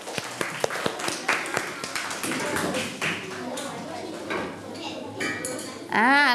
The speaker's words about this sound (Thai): ครูจะให้เพื่อนๆตัวแทนกลุ่มที่5ออกมานำเสนอเส้นทางพาน้องแมวกลับบ้านขอเสียงปรบมือให้เพื่อนกลุ่มที่5ค่ะ